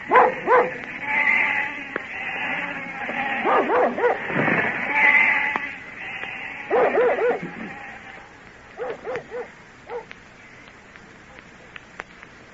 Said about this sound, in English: That's the last we'll see of the sheep till summer's over.